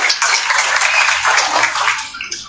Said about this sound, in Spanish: Por favor, recíbanlo con fuertes aplausos a uno de los promotores de la Academia Premunicipal.